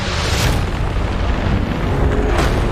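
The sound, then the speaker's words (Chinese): Loud, rolling thunder from a thunderstorm over low-altitude plains rumbles throughout, a deep continuous roar with two sharper cracking surges, one early and one near the end. No voices are heard. “电闪雷鸣让盾甲龙变得越发慌乱。”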